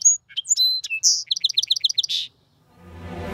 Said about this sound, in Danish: Ja, sangspuren ligner en stor gråspurv, og så lyder den sådan her.